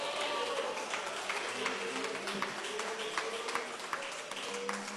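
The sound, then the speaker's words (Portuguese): An audience applauds for Jesus steadily throughout, many hands clapping in a dense, continuous patter with a few sharper claps standing out, while faint voices murmur underneath. “Quem pode aplaudir para Jesus, dar glória a Deus com alegria?”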